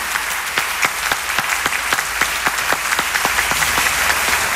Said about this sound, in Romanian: Aplauze pentru actorul Marius Bodochi!